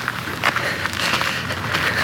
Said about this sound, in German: In der folgenden Nacht hatte ich den Hof fast schon verlassen, als ich plötzlich Schritte hinter mir hörte.